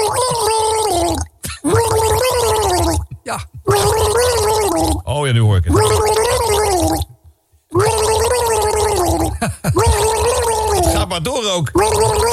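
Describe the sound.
Someone gargles a melody, a wobbling, bubbling rendition of a tune with clear pitched rises and falls, broken by short pauses, and a voice briefly speaks near the end.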